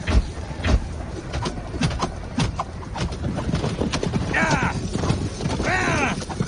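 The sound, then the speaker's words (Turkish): Horses gallop in a battle with a rapid, dense drumming of hooves, failing to cross a trench and spooked as riders are shot, and two loud, wavering neighs break out near the end amid a noisy, chaotic background. “Atlar hendeği geçemiyor. Geçenler de vuruluyor. Hayvanlar ürktü.”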